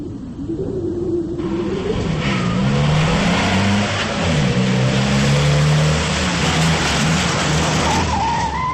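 An ambulance speeds into an army barracks courtyard with a loud, continuous engine roar that revs and wavers in pitch, tires skidding as it pulls up in front of Building No. 3, with no voices.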